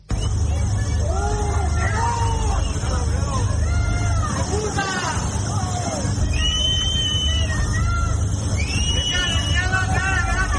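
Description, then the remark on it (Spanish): Residents affected by the Vall d'Uixó fire in Castellón shout at Pedro Sánchez as he arrives in the morning at the fire's advanced command post: many raised voices overlapping in loud, continuous jeering that swells and falls over a steady low rumble, with several voices cutting through at a higher pitch. “díganle ustedes a estos vecinos que le están gritando a Pedro Sánchez y que se han visto afectados y que no saben si se han quedado sin absolutamente nada”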